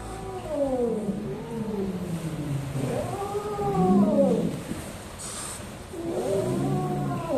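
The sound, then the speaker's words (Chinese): A small wild kitten, which turned up at a herder's home in Menyuan County and was taken to a forest police station, calls out in repeated harsh, wavering cries rather than house-cat meows: three drawn-out yowls with brief pauses between them. “跟咱们家猫的声带不一样，它不会发出那种家猫一样喵喵的声音。”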